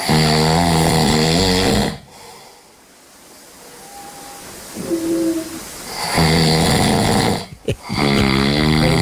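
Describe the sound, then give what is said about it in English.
Two loud, rasping snores, each about two seconds long, separated by a quieter stretch of breathy inhalation. They sound heavy, with no talking. “Loud snoring could be reduced thanks to a high-tech breakthrough.”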